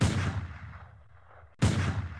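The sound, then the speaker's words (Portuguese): Two loud, sharp gunshots ring out about a second and a half apart, each followed by a fading echoing tail, with no voices around them. “Ouvem-se dois tiros.”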